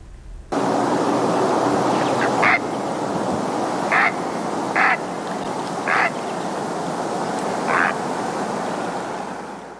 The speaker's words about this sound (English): We're going to end today with the great blue heron. Just a little reminder of what that dinosaur bird sounds like.